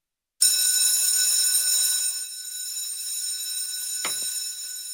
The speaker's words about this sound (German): Wenn die Glocken im August also wieder durch die Waldner Schulzimmer dröhnt, heisst es für die Schüler wieder Handy weg.